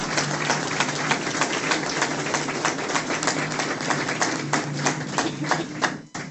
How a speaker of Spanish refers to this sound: y pido un fuerte aplauso para todos los artistas que están acá hoy.